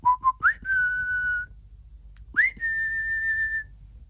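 A person whistles a short tune alone to show a parrot how to whistle: two quick low notes, then a rising swoop into a long steady tone, followed by another upward slide and a second sustained note.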